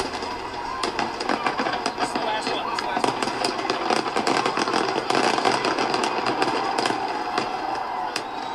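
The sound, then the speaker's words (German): Fireworks explode in a steady barrage over the USA on the Fourth of July, Independence Day: sharp cracks and pops tumbling over one another above a continuous rumbling roar, staying loud throughout with brief bursts of crackle. “Alle Jahre wieder krachen in den USA am 4. Juli die Feuerwerke.”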